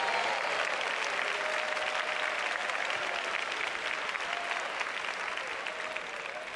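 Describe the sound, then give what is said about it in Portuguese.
An audience claps their hands for Jesus in steady, dense applause lasting several seconds, with faint voices murmuring underneath. “Podem dar glória a Deus, podem bater palmas para Jesus.”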